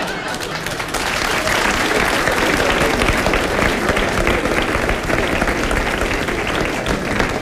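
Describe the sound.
A crowd bursts into sustained applause, dense and loud clapping that swells within the first second and holds steady for several seconds, with some voices mixed in.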